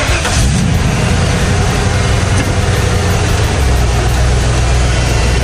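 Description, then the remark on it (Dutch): A heavy truck engine rumbles steadily at idle, loud, its deep drone shifting slightly in pitch partway through, with no voices present. “Een vrachtwagen.”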